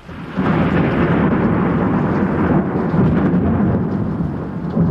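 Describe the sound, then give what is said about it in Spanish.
Loud, continuous rolling thunder rumbles through a storm, swelling in after a brief moment and holding heavy and deep throughout, with a hiss like rain beneath it and no voices. “Luego la tormenta tomó el control, arrastrando las lanchas a la orilla.”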